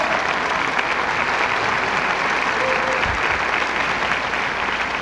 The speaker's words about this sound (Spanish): Ellos son …. Un aplauso, por favor, enorme para todos ellos.